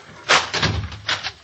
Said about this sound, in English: All right, lock that kitchen door.